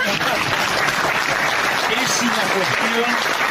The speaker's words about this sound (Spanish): Empezó a aplaudir, decía algo.